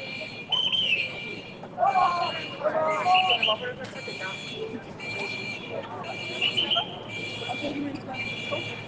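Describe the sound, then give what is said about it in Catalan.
A warning alarm at Port Vell in Barcelona, near the Maremagnum, sounds in steady, repeating electronic bursts, fairly loud, warning that the walkway is about to move, over a busy outdoor background with people's voices murmuring throughout. “al Port Vell de Barcelona sonava l'alarma al principi, tot això és a prop del Mare Magnum, sí.”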